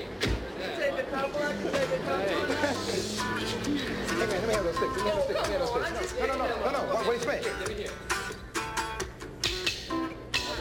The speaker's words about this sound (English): I'm telling you, the crowd is great, the people out there screaming, hollering, it's happening, man.